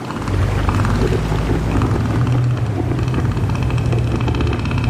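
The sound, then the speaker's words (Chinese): A male northern elephant seal, inflating its huge nose, roars to warn other males to keep away from its territory: a deep, loud, throbbing call with a rapid pulsing, motor-like rumble that carries on steadily for the whole stretch, with no one talking. “它们鼓起巨大的鼻子，发出低沉而响亮的吼声。”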